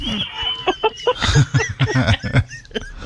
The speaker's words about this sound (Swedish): Här kommer tuppen